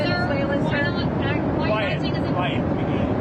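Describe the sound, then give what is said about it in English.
A loud, steady engine roar of President Donald Trump's plane fills the space without pause, with indistinct voices murmuring underneath. “The president's plane, also the site of impromptu press conferences, with Trump batting down questions he doesn't like.”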